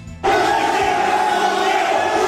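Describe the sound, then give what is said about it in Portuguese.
A crowd erupts into loud, sustained shouting after a brief quiet start, a dense roar of many voices yelling at once with a steady, agitated intensity, during a confrontation at a match between Santos and a club from Pará. “Aí vocês estão vendo o momento da gritaria, ó.”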